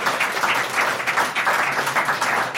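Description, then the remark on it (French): A crowd of association members and volunteers in a hall applauds steadily so they can be heard on the radio, many hands clapping in a dense, continuous wash of sound that stays fairly loud and even throughout, with no voices standing out. “Applaudissez, comme ça on vous entend à la radio, parce que les mains levées, ça ne sert à rien.”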